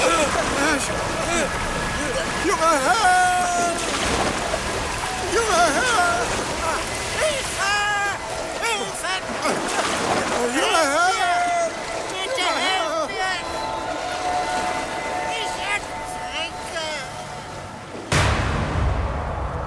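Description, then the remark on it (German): Roaring wind and churning, splashing water fill the scene as a lifeboat is tossed and overturned by the wind at daybreak, throwing its occupants into icy water, with muffled cries throughout and a sharp, heavy crash near the end. “Aber mit dem ersten Blick auf die zaghafte Morgenröte erfasste der Wind das Boot, in welchem wir saßen, und stürzte es brutal um.”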